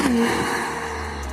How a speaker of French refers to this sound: En ligne droite, ni le poids des batteries ni le système d'hybridation n'empêchent la fulgurante motricité de la NSX. Oh, le son du moteur! Ce V6 biturbo de 3,5 litres, mais c'est pas un son qui fait, c'est un rugissement.